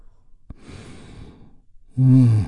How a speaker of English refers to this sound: That's 5.5 minute touchstone for you today as we take one great big healing breath. All together, here we go. And release.